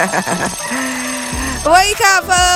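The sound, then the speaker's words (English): A ringing bell played as a wake-up alarm on the Morning Bell radio show on 101.7 Kids FM: a quick burst of rapid pulses, then a steady low tone, followed by loud, bright, warbling ringing that repeats in two bursts. “I played it to wake you up.”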